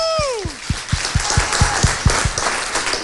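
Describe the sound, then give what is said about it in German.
Audience applause for the winning team of a cooking competition at Küchenart in Freudenberg, with steady, rhythmic clapping, about ten even beats over a wash of hand noise, opened by a brief whooping cheer that slides downward in pitch. “Tolles Team. Applaus! Woo!”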